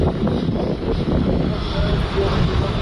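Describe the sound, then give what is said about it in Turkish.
Firefighting planes roar overhead in a loud, steady engine drone while fighting a fire from the air in Kocaeli, with rumbling wind noise buffeting the microphone throughout. “Yangına helikopter ve uçaklarla havadan yoğun müdahale edildi.”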